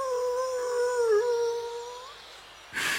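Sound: wolf howling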